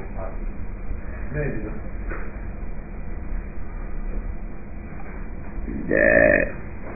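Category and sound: human body sound, a small burp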